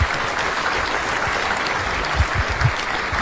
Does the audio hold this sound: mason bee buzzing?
no